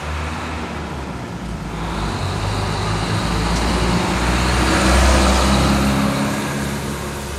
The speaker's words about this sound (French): Beaucoup plus de circulation. À l'époque, on pouvait circuler n'importe quand avec sa voiture si on avait la chance d'en avoir. Maintenant, il y a carrément des embouteillages à Belém.